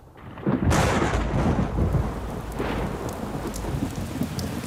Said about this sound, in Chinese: 小姐，下雨了，快回房吧。